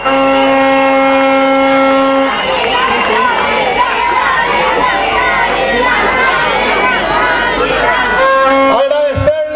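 A large crowd cheers and shouts loudly and continuously in applause for the president of seccional 3, with dense clapping mixed in, while steady horn-like tones sound over the noise at the start and again near the end.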